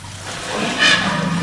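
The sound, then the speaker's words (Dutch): A steady, hissing stream of liquid splashes onto the ground as an elephant urinates a very small amount, growing slightly louder and brighter partway through. No voices are heard. “dit is dan maar een heel klein plasje, maar die grote die drinkt zo af en toe, dan drinkt hij 200 liter water op, bij wijze van spreken, zo aan elkaar.”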